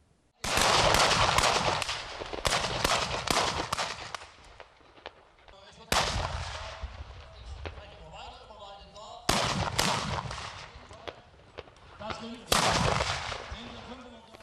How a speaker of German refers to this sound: Wenn so geballert, so geschossen wird, dann ist Schützenfest angesagt oder Vogelschießen. In Rübenau gab es dazu auch noch ein Jubiläum, 2006.